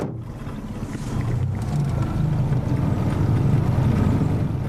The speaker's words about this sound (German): Dass nun gar kein Lüftchen weht, hatten wir nicht erwartet. Also motoren wir wieder.